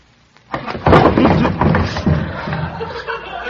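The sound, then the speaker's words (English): Someone bumps into a chair: a sudden knock, then a few seconds of rough scraping, shuffling clatter that slowly tapers off, fairly loud and with no voices over it. “Who left that chair there?”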